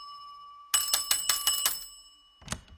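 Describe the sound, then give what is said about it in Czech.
A small hand bell is shaken hard to summon someone to bring refreshments, in a quick burst of about five bright, clanging strikes, then a faint, shorter ring follows as the tone fades. “Zvonil jsem třikrát”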